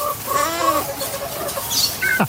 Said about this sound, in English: Oh, that's a goat. What's going on? That sounds like your house on a Saturday night, Carla Binnarsko. That's what it sounds like.